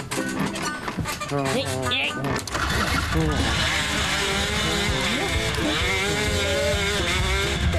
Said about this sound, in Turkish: Eyvah, bu sefer de horlayarak uyutmayacak bizi.